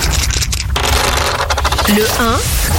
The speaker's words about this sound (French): On y va, on lance les dés pop rock